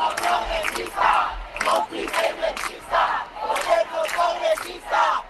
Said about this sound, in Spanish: en las concentraciones que han recorrido España en las últimas horas, se ha escuchado este grito.